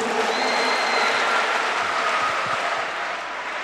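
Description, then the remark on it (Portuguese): A large audience at the PHN 2026 youth event at Canção Nova's Centro de Evangelização Dom João Hipólito de Moraes applauds the Lord Jesus in a steady, dense wash of clapping that holds at full volume for several seconds before easing slightly at the end. “Quem está decidido a abandonar o pecado, aplaude o Senhor Jesus.”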